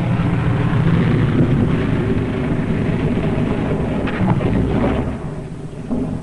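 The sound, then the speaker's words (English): A crippled propeller airplane comes in to land at a base on one engine, its starboard propeller dead, landing on skis on ice, with a loud, steady, low droning rumble that fills the whole recording and eases slightly near the end; no one speaks. “3 hours later, at the base, the crippled plane comes into sight.”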